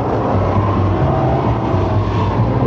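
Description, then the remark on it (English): A loud, rough bus engine rumbles steadily as the bus breaks down, its deep droning hum wavering under a dense mechanical clatter, with no voices. “This is like when our nursing home volunteer bus broke down.”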